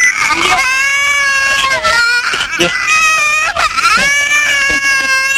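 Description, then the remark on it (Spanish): A baby cries loudly and continuously, wailing in long rising and falling bursts with brief catches of breath between them, filling the whole recording. “No escuché nada porque estaba llorando un bebé.”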